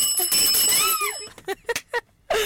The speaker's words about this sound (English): Let me ring bell for you.